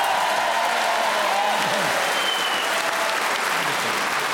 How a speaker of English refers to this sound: And that round of applause confirms their appreciation of your talent, Graham.